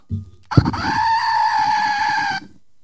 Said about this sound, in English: And I have a goat.